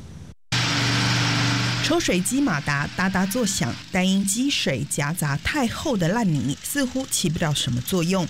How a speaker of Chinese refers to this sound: 抽水机马达哒哒作响，但因积水夹杂太厚的烂泥，似乎起不了什么作用。